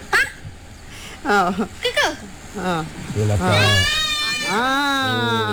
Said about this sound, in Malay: Mungkin dia nak dengar suaranya. Suara cucut kambing tau.